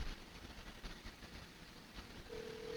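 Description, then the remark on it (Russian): The studio's own telephone number being dialed to test whether the phone lines work: steady hiss and faint line noise, then a clear, steady phone tone starts near the end. No one speaks. “Сейчас наберем номер телефона студии, сам себя, как в любимой песне Чапаева.”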